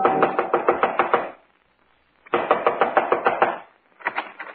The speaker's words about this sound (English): Within 15 minutes, I was knocking on his front door.